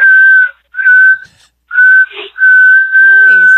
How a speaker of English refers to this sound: Nice. That's an impressive whistle.